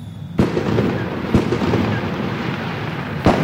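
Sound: loud fireworks exploding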